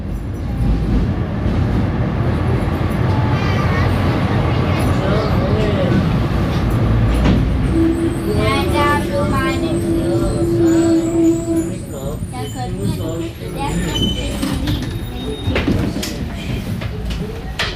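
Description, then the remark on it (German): A tram in Vienna, travelling to the Leopoldstadt district, rumbles steadily along with a low, continuous roar; partway through, a tone sounds and the doors slide open with a hiss while people talk in the background. “Die Straßenbahn hat uns in die Leopoldstadt gebracht”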